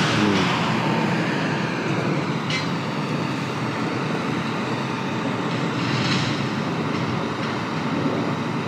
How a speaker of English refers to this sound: Okay, I'm gonna go because this trash truck shows no signs of stopping.